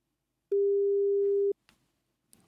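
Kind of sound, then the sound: signal or alarm, telephone busy signal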